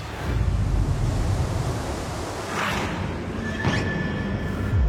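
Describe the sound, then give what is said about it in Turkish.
Strong wind roars steadily and grows stronger as a freezing night sets in, a broad rushing noise heavy in the low end, with gusts buffeting the microphone and a couple of brief whooshing swells. No one speaks. “Rüzgar iyice şiddetini arttırmaya başlıyor.”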